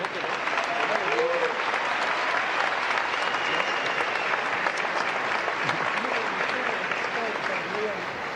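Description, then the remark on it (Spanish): Sustained applause from a large audience at the swearing-in of Colombia's vice-president-elect José Manuel Restrepo Abondano, a dense, steady clapping wash at even loudness for the full duration, with faint voices mixed into the crowd noise. “un aplauso.”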